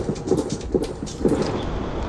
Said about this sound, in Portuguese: atenção, tiros agora com arma pesada na Tijuca. E aí ela conseguiu fazer um registro, eu acho, aqui do tiroteio. Vai.